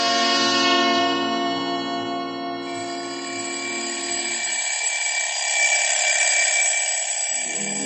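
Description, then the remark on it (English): An alarm clock rings loudly and continuously for several seconds, a harsh, shrill, steady jangle whose tone shifts slightly partway through. No one speaks. “Except that I had stolen an extra 5 minutes doze after the alarm went off.”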